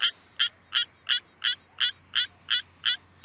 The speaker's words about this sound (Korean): 수원 청개구리가 저렇게 힘겹게 별을 움켜쥐면서 저 불편한 자세로 노래를 부르고 있습니다. 얘네들도 논뚝에서 노래할 수 있게 여러분들이 예 좀 이렇게 협조 좀 해주십시오.